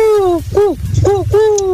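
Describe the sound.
Human voices imitate owl hoots with a series of loud, drawn-out cooing tones that rise and fall, sounding more like turtle dove calls, with a low murmur of other voices underneath.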